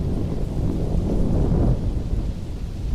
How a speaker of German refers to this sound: Ein stetiges Grollen schreckte das Mädchen aus ihrer Konzentration. Es glich nicht einem einzelnen Donnerschlag, sondern vielmehr einem außerirdischen Gemurmel, das fortwährend andauerte.